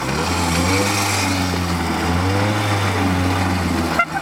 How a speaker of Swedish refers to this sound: moped här. Skulle du kunna köra igång den för oss?